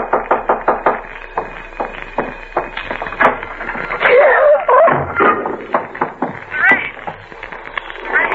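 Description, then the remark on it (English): Repeated sharp knocks on a door in a quick, uneven series, loud, with a cat-like wail rising over them midway. “There's someone at the door.”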